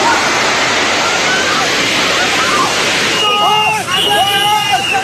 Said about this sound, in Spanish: Este video muestra a un grupo de personas subiendo una montaña para ponerse a salvo, pero la ola de barro y escombros los alcanzó.